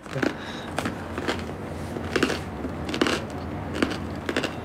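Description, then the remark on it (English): Crisp, crackly crunches of someone biting and chewing the crunchy bread of a chicken-free imitation chicken dish, coming in uneven bursts roughly every second, fairly soft, with no talking. “Oh, well, the bread is crunchy.”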